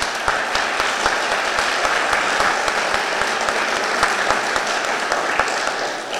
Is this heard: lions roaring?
no